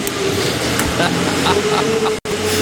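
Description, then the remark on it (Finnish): A tractor engine rumbles steadily, a loud droning hum with a low tonal whine, broken only by a brief dropout near the end. Muffled voices are faintly audible underneath. “Se tulee se... Traktori vittu.”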